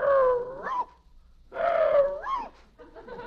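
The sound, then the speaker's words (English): A man who thinks he is a Boston Terrier imitates a dog, letting out two loud, drawn-out barks that rise in pitch at the end, followed by a few shorter yelps, alone. “He thinks he's a Boston Terrier.”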